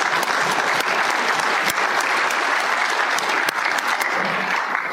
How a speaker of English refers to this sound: And before we get started, I want this group to give themselves a round of applause for the things that you've been able to donate.